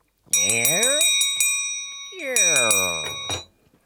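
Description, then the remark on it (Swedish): A door creaks open in two long, groaning sweeps while a shop bell rings steadily on top, its bright, sustained tone lasting through both creaks before everything stops. “Tänk dig ljudet av en dörr som öppnas.”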